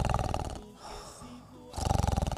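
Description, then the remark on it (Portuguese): A voice imitates loud snoring: two harsh, rapidly rattling bursts, with a softer, breathier stretch between them, like a drawn-in snort. “Rapaz, ronco igual um trator tomando terra, né?”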